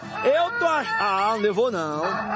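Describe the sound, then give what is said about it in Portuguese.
A human voice imitates a farm rooster crowing to wake everyone, in one loud, drawn-out call with wavering, rising and falling pitch, clear for about two seconds. “Coloca o galo para acordar todos.”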